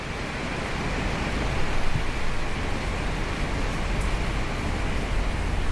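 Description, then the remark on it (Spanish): Heavy rain drums steadily on a roof, a dense, unbroken hiss and patter that holds a constant loudness throughout, with no voices. “Como que se iba a llover otra vez fuerte en el techo.”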